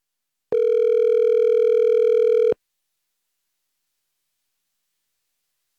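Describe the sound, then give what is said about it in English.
A telephone ringback tone on an outgoing call: one steady two-second electronic ring, clear and fairly loud, then a long silence before the next ring begins. No one speaks. “and let's get her on the phone.”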